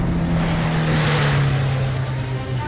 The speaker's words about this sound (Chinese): 他看见顾青跑出医院后门，爬上一辆早在等候的汽车，汽车迅速开走。